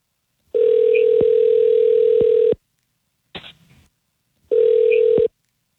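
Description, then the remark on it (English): A loud, steady telephone tone hums for about two seconds, broken by a short burst of dialing noise, then the tone returns briefly, as the Y100 radio station places a call. Nobody speaks. “Hi, this is … and … calling from Y100.”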